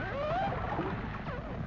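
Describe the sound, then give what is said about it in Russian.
Dolphins whistle and creak underwater, a few thin rising and falling tones gliding over a steady murky rumble of water noise, fairly clear, with no voices. “Это дельфины.”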